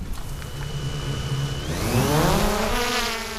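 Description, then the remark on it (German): A small drone, started by a fawn rescuer from northern Saxony to fly over a field marked with GPS points, whirs up from a low hum into a rising, steady, fairly loud buzz, with a thin high whine running underneath before the pitch climbs. “Leicht übermüdet, trotzdem hochkonzentriert, startet Lennart seine Drohne.”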